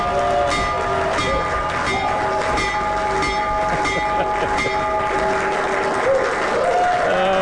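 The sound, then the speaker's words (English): A bell rings continuously in a sustained metallic clang, steady and loud throughout, over a bed of clapping and cheering from a crowd, as President Trump rings the bell at the White House to kick off the Trump accounts. “Ringing the bell and kicking off the Trump accounts.”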